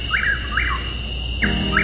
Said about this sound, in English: That's the call of Chuck Will's widow.